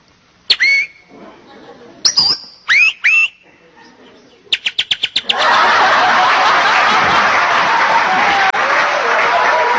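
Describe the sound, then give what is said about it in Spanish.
A person whistles a few short, swooping bird-like calls imitating a flirting bird, followed by a quick burst of clapping and then loud, sustained applause from a crowd. “Y la pajarita toda coqueta le comienza a silbar, ¿no?”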